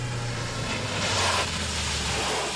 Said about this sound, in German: Und kaum waren wir auf dem Jagdschloss angekommen, da hörten wir ein Auto vorfahren.